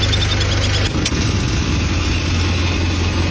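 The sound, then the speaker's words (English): A farmer's stopped tractor engine idles with a steady, low, throbbing rumble that runs the whole time, its tone shifting briefly near the start before settling back into an even chug. “Farmer stops the tractor because this beautiful little bird is calling up to him, pleading, please don't run over my eggs.”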